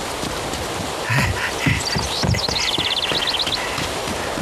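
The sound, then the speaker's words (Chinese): Wild ducks quack in a quick, chattering run at a lake, partly over a few dull hoof clops and steady outdoor background noise, with no one speaking. “哦，那是小鬼子，隔三差五的来湖边打水鸭子，像是个当官的。”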